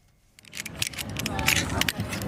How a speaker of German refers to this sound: Eine Kletterwand, außen an einem Sportkomplex in Holon, südlich von Tel Aviv. Karabiner klicken, Männer und Frauen knüpfen Achterknoten. Sie reiben sich die Hände mit Kreide ein, um an der Wand nicht abzurutschen.